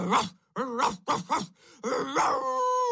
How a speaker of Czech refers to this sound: Tu se pes rozštěkal ještě víc, neboť poznal, že člověk je ze všech tvorů na světě nejsilnější a že se nikoho nebojí.